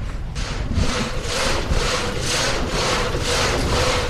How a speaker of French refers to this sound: Eh ben là, on voit que j'ai mis en route la turbine qui est elle-même a mis en route notre scie alternative qu'on appelle un châssis dans le Haut-Jura, quoi.